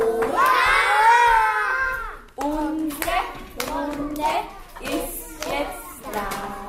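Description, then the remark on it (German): Loud group clapping from children and their teacher during the morning circle at the municipal Laawald kindergarten in Vienna's 10th district, with bright high-pitched children's voices calling and singing over the claps in a lively, uneven rhythm. “Alle klatschen laut.”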